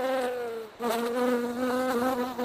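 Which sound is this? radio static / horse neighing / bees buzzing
bees buzzing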